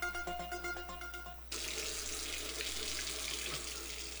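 A short tonal jingle gives way to a steady rush of water pouring from an open faucet, continuing loudly and without pause to the end.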